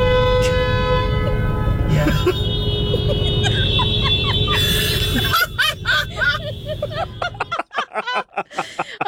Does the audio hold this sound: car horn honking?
yes